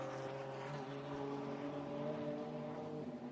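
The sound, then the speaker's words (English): A steady, loud roar of TCR race car engines as the rest of the TCR field comes by on track, with several droning harmonic tones held at a fairly constant pitch for a few seconds and no speech. “here comes the rest of this TCR field.”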